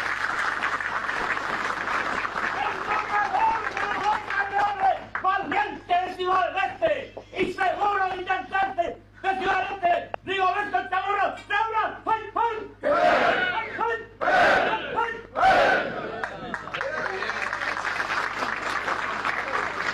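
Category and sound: crowd, crowd applauding and cheering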